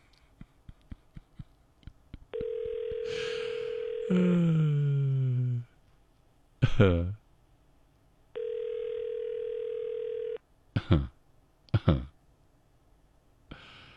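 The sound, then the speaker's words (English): A run of quick clicks as a phone number is dialed to call a contest winner from Brossard, then two long, steady ringback tones separated by brief warbling electronic blips, fairly loud with no one speaking. “We're trying to call this morning's winner”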